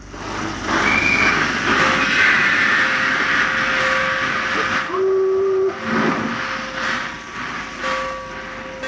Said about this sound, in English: A stocky, broad-shouldered young man stood on the platform as the train slowly chugged its way out of the station.